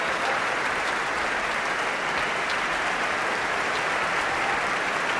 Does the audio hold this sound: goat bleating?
no